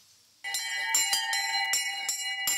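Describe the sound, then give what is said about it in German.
Bells peal steadily in a bell frame built by a 14-year-old boy from Dettenheim, Germany, with repeated overlapping strikes every half second or so, their bright ringing tones sustaining and blending into a loud, continuous clang with no voices. “Wenn die Glocken klingen, ist Luis Greta einfach nur glücklich.”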